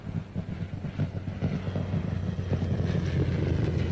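A Spitfire's piston engine roars steadily as it flies past, a deep, throbbing, rumbling drone that swells gradually louder over a few seconds, with no voices.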